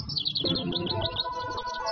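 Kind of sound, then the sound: bird, small bird chirping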